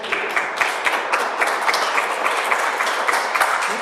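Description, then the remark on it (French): Steady applause from a crowd for a correct answer in a quiz game, a dense crackle of many hands clapping at once, sustained and fairly loud throughout with no voices standing out. “Bien joué, on peut applaudir, bien joué.”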